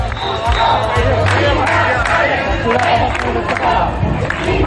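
A large crowd in Ceuta shouts and chants "expulsión, invasores" (expulsion, invaders) as a group breaks a police cordon to reach the Playa del Trampolín; a dense, continuous roar of many voices with rising bursts of yelling throughout, loud and unbroken from start to finish.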